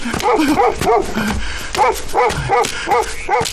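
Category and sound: animal, dog barking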